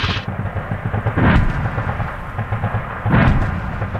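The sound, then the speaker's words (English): Two heavy artillery booms from guns at the bottom of a valley in remote North Queensland, about two seconds apart, each a sharp blast followed by a deep rolling rumble that echoes across the valley, with a constant low rumble underneath and no voices. “At the bottom of the valley, you can see flashes of light just before they launch the artillery. Now the whole valley, you can hear the echoes across this massive space here in remote North Queensland.”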